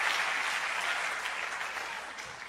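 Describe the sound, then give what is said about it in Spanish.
An audience claps steadily, a dense wash of many overlapping hand claps with no pauses, holding an even loudness before easing off slightly at the end. No one speaks. “Los hombres deberían aplaudir eso, muchachos.”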